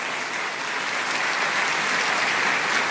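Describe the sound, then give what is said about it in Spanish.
Sustained applause from an audience, given in praise of God, a dense, steady crackle of many hands clapping at an even loudness throughout, with no voices rising above it. “A Él sea la gloria y a Él sea este aplauso por los siglos de los siglos.”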